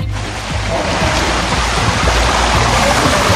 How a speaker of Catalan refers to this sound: La Riera de Mataró, per exemple, baixava amb força.